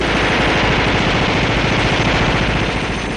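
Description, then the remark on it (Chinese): Sustained automatic rifle fire from special police officers aboard helicopters, shooting at resisting gunmen below at a construction site, a loud, rapid stream of shots rattling continuously for the whole stretch with no pauses, set against a dense wash of noise and no voices. “直升机上的特警队员们抱着自动步枪，对着下面反抗的枪手密集射击。”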